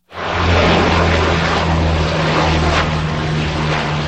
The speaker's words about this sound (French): La lutte contre le feu vient entre autres du ciel. Des avions, dont des Canadairs, effectuent des largages sur de larges zones.